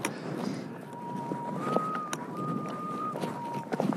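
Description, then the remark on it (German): A few irregular crunching footsteps of someone walking along a mountain ridge under a steady rush of wind, the wind whistling a thin tone that holds, then shifts slightly higher and back down, an interval of a third. “Ich laufe hier auf dem Grat.”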